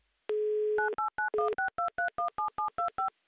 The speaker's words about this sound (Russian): Вот так вот быстро, оперативно набран номер Александра из Серпухова.